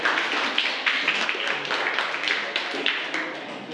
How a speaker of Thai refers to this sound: ถูกต้องทั้ง4ใบไหมคะถูกต้องอ่ะปรบมือให้กับกลุ่มแรกค่ะขอบคุณค่ะ